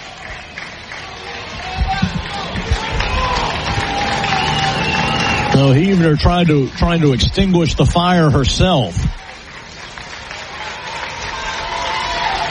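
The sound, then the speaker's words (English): A softball crowd cheers and chants in loud rhythmic bursts for a few seconds midway, over a steady murmur of spectators, while an announcer calls a batter's 0-2 count throughout. “Crowd trying to help too.”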